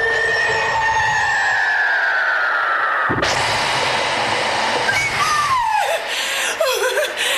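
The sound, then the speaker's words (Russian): A long falling whistle sweeps down, then a sudden loud rushing burst gives way to wild, shrieking howls and cackling cries as a witch descends into a kitchen, all dense with noise. “Котел перекипает. Кухню с диким воем спускается ведьма.”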